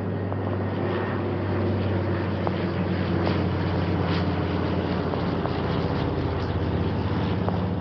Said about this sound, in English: You can hear the aircraft roaring over me, I expect, as I speak.